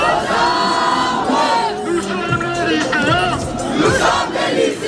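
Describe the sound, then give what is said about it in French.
A large crowd of gathered high school students chanting and shouting protest slogans together, many overlapping voices forming a loud, continuous roar. “Des lycéens rassemblés, des slogans et bientôt la Marseillaise entonnée par la foule.”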